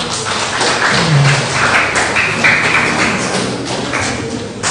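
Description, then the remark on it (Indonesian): An audience of 156 people at a morning worship service claps steadily for several seconds, a dense, loud wash of many hands with no pauses, a few brief tonal sounds and murmurs poking through the applause. “Mari kita semua berikan tepuk tangan dulu.”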